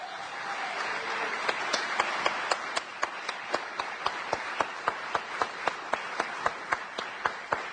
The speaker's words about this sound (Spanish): Señoras y señores, le vamos a dar con un fuerte aplauso la bienvenida al señor Julio Lagos.